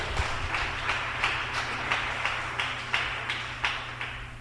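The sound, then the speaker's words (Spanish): A church audience claps in steady unison as applause to Jesus, a brisk even rhythm of sharp, bright claps repeating about three times per second over a low background hum, with no voices. “Démosle un aplauso a Jesús.”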